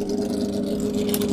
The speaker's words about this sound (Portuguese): Passou o obsequio e desliga o motor.